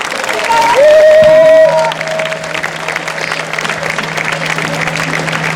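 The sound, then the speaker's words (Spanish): An audience at a folk festival in Leganés applauds to welcome a Galician folk group from Quechetéldere, with dense, continuous clapping, a brief tonal whistle or cheer rising near the start, and a low steady hum underneath. “Y ahora sí, recibamos con un caluroso aplauso a este grupo gallego de Quechetéldere.”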